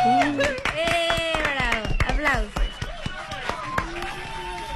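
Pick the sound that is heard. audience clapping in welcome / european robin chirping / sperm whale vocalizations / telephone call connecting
audience clapping in welcome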